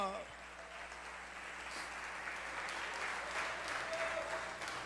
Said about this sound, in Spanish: ¡Oh, dele ese aplauso de alabanza al Señor! ¡Aleluya!